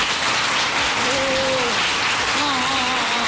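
An audience claps to vote on which of two shop-clerk role-plays was handled better, a thick, steady wash of applause lasting about three seconds, loud and even throughout, with faint voices calling out briefly within it.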